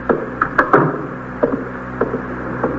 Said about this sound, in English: Just close the door